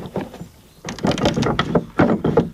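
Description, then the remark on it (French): A metal key works the wooden lock of a house door, operating the mechanism to lock or unlock it, with a run of clicks, scrapes and clunks, a brief quiet pause, then a louder burst of mechanical rattling and knocks, fairly loud. “Et on vient actionner ce mécanisme pour déverrouiller ou verrouiller la porte de la maison.”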